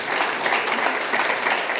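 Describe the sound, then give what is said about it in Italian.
An audience applauds steadily, a dense wash of many hands clapping at a fairly even loudness, with no voices standing out above it. “Per Intanto ti facciamo un quanto riguarda applauso,”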